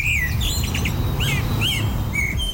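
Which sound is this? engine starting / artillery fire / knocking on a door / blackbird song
blackbird song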